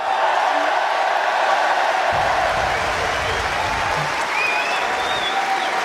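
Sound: tennis crowd applauding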